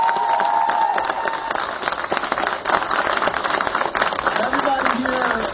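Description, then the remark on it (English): A crowd breaks into steady, loud applause for the congressman, with dense clapping mixed with cheers and a few high whoops that rise over the noise and continue throughout. “Well, can we first give a huge round of applause to our dear congressman?”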